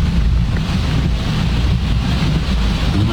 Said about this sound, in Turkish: Abi öyle böyle yağmıyor. Şeye bak. Şuradan gelen suyun hızına baksana ya. Aynen. Dere dere olmuş. Mecidiyeköy köprü altı.